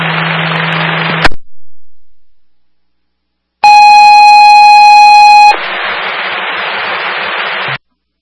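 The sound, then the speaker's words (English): Franklin Fire dispatch alert tone for a medical call to engine 483: a loud, steady electronic tone held for about two seconds, set between bursts of hissing radio static and a short silence. No one speaks. “Franklin Fire with a medical shift alarm, engine 483, 725 Union Street, the home 2 suites, room 304 for the sick party.”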